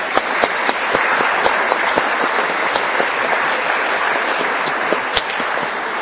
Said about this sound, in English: And let us give them a big round of applause to all the moms.